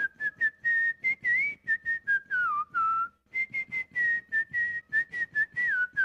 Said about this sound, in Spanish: Un vallenato que me gusta mucho en lo personal porque tiene también ahí una melodía muy icónica que es un silbido en especial, ese que dice...